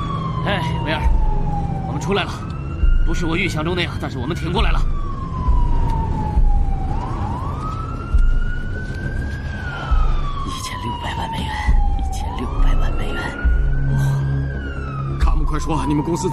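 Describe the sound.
An ambulance siren wails loudly, sweeping up and down in slow repeating cycles over rumbling road noise, with muffled voices underneath; the siren of a hijacked red-and-white ambulance, switched on with the red button on the central console.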